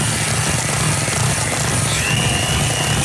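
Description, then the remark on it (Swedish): An electric mixer whirs steadily as it whips cream with a little vanilla, a loud, continuous motor drone with a low buzzing hum and a rough, grinding edge that never lets up. “Och så har jag piskat lite krämflöte med lite vanilje i sån.”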